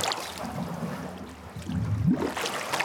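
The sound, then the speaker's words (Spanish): Watery gurgling and bubbling churns steadily, with a low burbling swell near the end, as a person with their head under the water blows air out. No one speaks. “Vamos a meter la cabeza hasta el fondo y vamos a soplar dentro del agua.”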